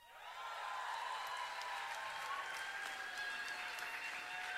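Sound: audience cheering and applause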